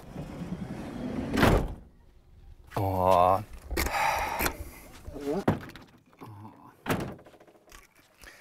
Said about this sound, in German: Ach so, muss ich die Tür zumachen?